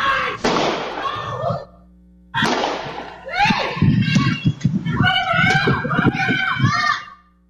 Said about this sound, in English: Nine people in Pennsylvania are dead after a shooting in the city of Erie last night. Some of those gunshots captured on a doorbell camera. We do want to warn you, this video could be considered disturbing.